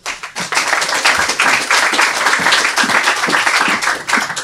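An audience applauds steadily for a young girl introduced before she reads her story, a dense wash of many hands clapping that starts abruptly and holds at a fairly loud, even level for several seconds without any talking.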